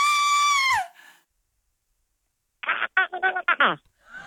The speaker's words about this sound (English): I'm going to play you a real scream and then you should try and scream for us.